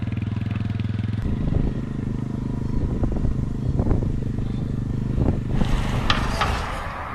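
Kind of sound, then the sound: vehicle, motorcycle engine running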